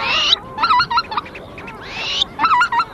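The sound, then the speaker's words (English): Arctic wetland birds advertising and displaying at Tshekpuk Lake in the Alaskan Arctic, 6 miles from the Arctic Ocean, at midnight in June: two long rising whistled cries, each followed by a quick series of short, nasal, honking notes, over a soft background hiss. No talking. “As far as you can hear in every direction, there are birds advertising and displaying.”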